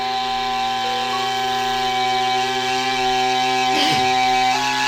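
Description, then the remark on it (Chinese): A Tuvan end-blown flute with three holes, its blowing end held at the corner of the mouth and sounded by tongue vibration, plays one long, steady, loud tone rich in buzzing overtones over a humming drone, with a brief breathy swell near the end; no one speaks. “普洱只有三个鼻孔，演奏时将吹孔置于嘴角，靠舌尖的震动发声，用丹田之气吹奏。”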